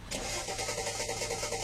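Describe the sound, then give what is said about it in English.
A car engine cranks over and over with a slow, labored, rhythmic churn from a battery run down after the lights were left on, steady without catching or starting. “Now you need to let the battery run down. Where'd they go? Come on, car.”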